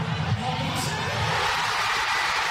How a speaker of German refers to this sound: Schon als Norwegens Mittelstürmer Erling Haaland in der 90. Minute sein zweites Tor gegen Brasilien schießt, ist der Jubel bei den tausenden Fans im Zentrum von Oslo groß.